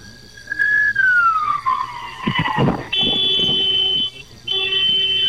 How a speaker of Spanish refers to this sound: Necesito que me regales dos bocinazos largos. Sí, claro. Hola. ¿Qué fue eso? Mis bocinazos.